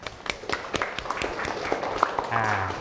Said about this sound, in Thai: โอเคปรบมือเพื่อนหน่อยครับ